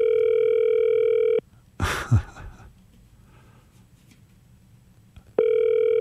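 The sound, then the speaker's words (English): A telephone ringing tone heard down the line on a call placed live from a studio in Sydney that goes unanswered: one steady electronic burst, then a quiet pause with a brief breathy rustle, then the tone starting again. “Oh, he's not answering.”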